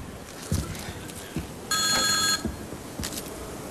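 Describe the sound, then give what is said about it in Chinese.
A telephone with no caller ID display rings once in a short, bright electronic burst, clear, with a few soft knocks and faint room noise before and after it. “哎呀，大妹子，来来来，我出个主意啊，咱两个把电话拿起来，咱俩谁也别说话，让电话那头先说话，男的是你老公，女的是我老婆，啊。”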